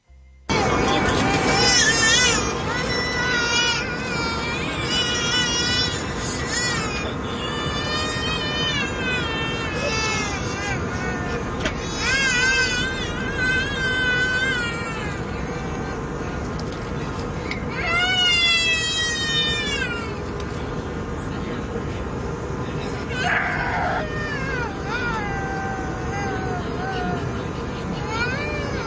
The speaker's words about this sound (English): Did you hear the babies crying? All three of them at the same time.